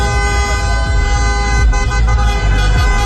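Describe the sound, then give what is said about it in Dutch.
Car horns honk continuously in a busy street as supporters of Morocco celebrate, several overlapping tones blaring at once in a loud, sustained celebratory din, with traffic noise rumbling underneath and no talking. “Maar feest is er bij supporters van Marokko op allerlei plekken getoeter.”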